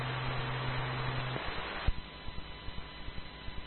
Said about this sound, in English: I've never done this myself outside of broadcast FM, kind of tuning off frequency and just listening in the static.